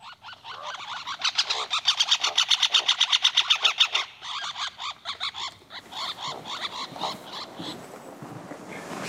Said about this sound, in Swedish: också andra läten, aggression call, interaction, en sorts interaktion mellan två fåglar på samma trästam. Men den var spännande. Vi tar och lyssnar på den.